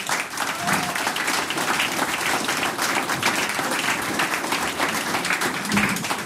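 An audience applauds steadily for several seconds, a dense, even wash of many hands clapping at once, sustained at a consistent loudness throughout with no voices standing out, as the vice mayor of the town of Dorfeiach in Styria is called up.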